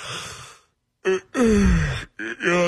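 A person yawns close up: a breathy inhale, then a long drawn-out voiced exhale that slides down in pitch, ending in a couple of short groaning sighs.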